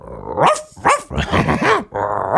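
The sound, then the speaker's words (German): A person imitates a dog, giving a string of loud bark-like yaps and growly woofs in quick succession, with no other talking. “Hund.”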